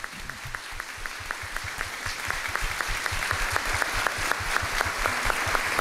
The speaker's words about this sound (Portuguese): Então, em nome da comunidade cristã paroquial aqui reunida, gostaria de pedir à comunidade que dessemos um agradecimento com a calorosa salva de palmas aos nossos catequistas.